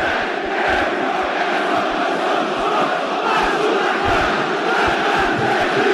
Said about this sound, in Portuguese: Essa torcida maravilhosa explodir de alegria. Simplesmente um 2-0 que contagia o estádio de São Januário e bota o Vasco cada vez mais perto da semifinal.